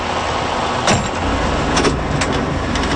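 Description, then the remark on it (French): A campaign bus touring the province: its engine rumbles steadily, with a few short bumps and a brief sliding-door clunk near the start. No one speaks. “Distribution de pancartes, tournée de la province à bord du bus de l'Unité.”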